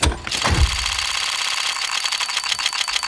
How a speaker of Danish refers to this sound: det er faktisk en lootbox inde på spillet Counter-Strike